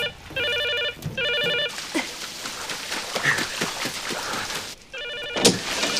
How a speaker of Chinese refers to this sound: 真该死，你们干嘛不接电话？